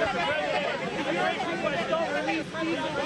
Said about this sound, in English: Is this a bigger crowd than normal, or what? Am I getting hotter? What's going on right here? There's a lot of people.